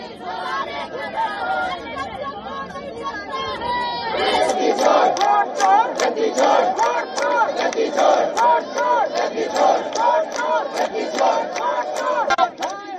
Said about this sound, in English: The sound off escalated when Priyanka Gandhi Vadra and several women leaders, they lay on the road holding copies of the constitution. Police later removed them from the road and took them away in buses as opposition leaders raised slogans.